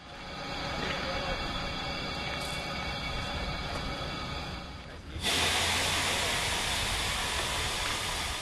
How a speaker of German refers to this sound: Unser Zug wird zur Weiterreise umrangiert. Unsere MA 403 sehen wir erst ab Gällivare wieder. Als Zuglok bekommen wir ab hier eine Diesellok, eine Nohab TMZ 109.